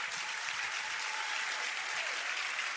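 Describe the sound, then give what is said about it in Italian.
A crowd applauding steadily, a dense wash of many hands clapping at an even, sustained loudness with no voices standing out, welcoming Giuseppe Conte, leader of the Movimento 5 Stelle, at the Sara Talk Live event in Campobasso, recorded on Friday 11 September. “Amici di Campobasso, amici che ci seguite in diretta streaming, un grande applauso a Giuseppe Conte.”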